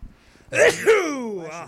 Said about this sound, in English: I'm allergic to your presence. I am sneeze. I am sneeze become. I have become sneeze.